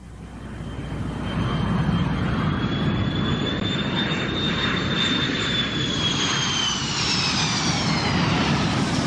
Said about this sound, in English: But my impression here in Washington is that one hears the planes a great deal. I heard them last night in the concert. And I turned to my neighbor and said, "Didn't you think those planes were beautiful?"